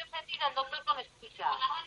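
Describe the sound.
A radio plays in the background over a telephone line: thin, narrow-band voices come through muffled and tinny, in short continuous bursts at moderate loudness.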